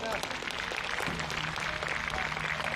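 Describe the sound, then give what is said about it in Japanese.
A crowd applauds to thank the staff at the close of a Kirin Group and Japan Football Association event, a dense wash of many clapping hands sustained at even loudness throughout, with faint murmuring voices underneath. “こういういろんなたくさんのスタッフの方がいると思うので、感謝の気持ちを込めて拍手で終わりたらなと思います。はい、じゃあぜひ拍手をして終わりましょう。”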